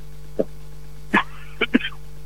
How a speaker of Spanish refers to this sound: Bueno, viste, que se abrigue el pechito. Escuchamos ahí una tos, le mandamos que se ponga la bufanda